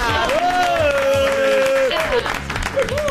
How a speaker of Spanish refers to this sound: Yo tiro nombre y ustedes aplauden, ¿eh?